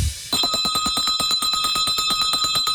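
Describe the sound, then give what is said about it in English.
A bell rung hard and fast, with rapid, evenly spaced metallic strikes blurring into a continuous loud clang that starts abruptly and keeps going, insistent, with no voices: Pierre's Bell, rung on radio station 93.3 WMMR in Philadelphia. “Ringing it real hard today.”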